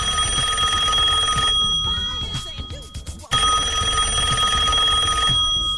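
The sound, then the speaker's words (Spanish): A telephone rings on an outgoing long-distance call to a priest in Itatí: a loud, steady electronic ring, a brief pause with faint clicking, then the ring starts again. No one speaks. “Y lo voy a llamar donde consiga el teléfono, ¿eh?”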